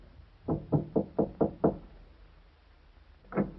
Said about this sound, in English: Like an automaton, he moved to the door at the end of the corridor and knocked.